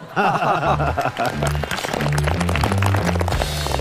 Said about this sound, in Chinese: 这个一般脱口秀的第一位都是有这个额外的鼓掌鼓励的。